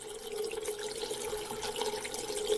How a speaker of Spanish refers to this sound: No, ese efecto más bien es de echarle agua a la olla.